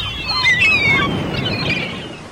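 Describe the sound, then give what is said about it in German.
Several shrill seagull cries overlap and glide up and down, fairly loud, above a steady rushing of wind or surf that continues throughout. “Radio Norderney, frischer Wind und Möwengeschrei.”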